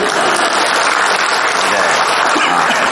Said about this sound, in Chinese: 可以鼓掌了，歇点会儿。